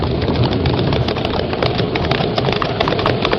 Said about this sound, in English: It's a regular cloud burst.